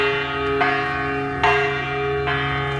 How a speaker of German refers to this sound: Das ist eine Glocke, klar, aber unten an der Glocke, da hängt die österreichische Künstlerin